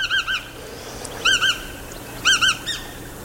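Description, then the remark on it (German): A wading shorebird with dark and light grey upperparts, a white belly, a long slightly upturned bill and long legs, standing in mud, calls in short, clear, ringing notes, given in quick clusters of two or three, three bursts in all, against a faint hissy background. “Also ist schon eine Erscheinung mit ihren langen Beinen, wenn sie da so im Schlick steht.”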